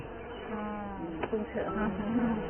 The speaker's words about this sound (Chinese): 我有500多万只蜜蜂，一个超级蜂群即将在这里诞生，又一只侦察蜂。